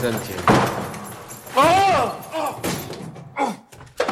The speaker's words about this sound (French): Ça, c'est une porte de placard. Tiens, il est fermé à clé. Bizarre de fermer à clé un placard à balai.